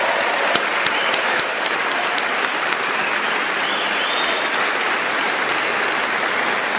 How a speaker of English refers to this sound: Let's have some applause for all four of our jazz masters.